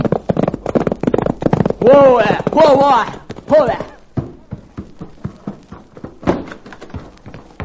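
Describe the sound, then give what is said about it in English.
Rapid, rhythmic hoofbeats of a galloping pony as its rider spurs it and races home from rounding up cattle, loud and sharp, with a burst of voiced shouting or whinnying in the middle before the hooves slow and scatter. “suddenly saw something which caused him to rake his spurs over his pony's flanks and come racing home.”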